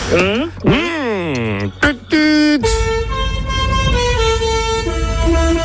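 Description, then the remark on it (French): A loud jingle of tooting horns played as a show anthem: a few bending, sliding notes and quick blasts, then a long sustained horn chord held to the end, with no talking over it. “Ça, c'est l'hymne du Dami d'Hollande.”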